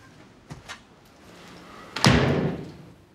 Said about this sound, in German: Schließen Sie die Tür.